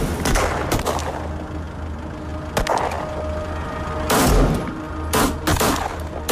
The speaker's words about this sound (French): Des coups de feu retentissent de tous les côtés. C'est un vrai carnage.